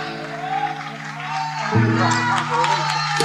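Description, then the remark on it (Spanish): An audience applauds and cheers steadily for a band, a dense wash of clapping and voices, with a loud sustained low note entering partway through and holding to the end. “Fuerte aplauso para esta banda.”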